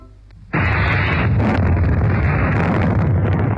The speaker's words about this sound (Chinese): 山头连续爆炸，烟柱直冲云霄。